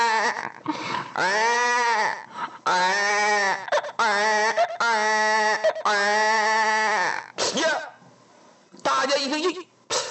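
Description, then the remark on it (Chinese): A voice imitates a baby's crying suddenly ringing out in a dense forest, with a run of loud, drawn-out wavering wails, about seven in quick succession with brief breaks, the final cry trailing off more softly. “找了半天没有找到，大家正想回来呢，突然间呢，有一声孩儿啼哭在这茂林当中骤然响起呀、啊！”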